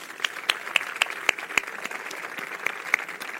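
An audience applauds steadily, a dense wash of hand claps with a few sharper, louder claps standing out, fairly soft overall and with no voices on top.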